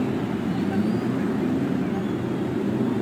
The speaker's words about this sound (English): Gentlemen, start your engines. After the cheers of over 300,000 fans, the engines are started along the main stretch.